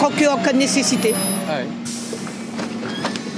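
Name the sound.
buses arriving and departing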